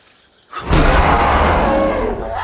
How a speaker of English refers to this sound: The roar reveals fearsome tusk-like canine teeth.